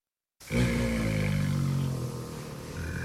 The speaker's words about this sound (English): Four Bengal tiger cubs playing in the zoo in Havana is a small miracle